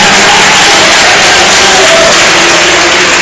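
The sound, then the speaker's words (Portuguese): A large gathering applauds and cheers loudly, a dense, continuous roar of clapping and voices for several seconds without pause, applauding the Lord and giving glory to God. “Pode aplaudir ao Senhor. Pode dar glória a Deus aí.”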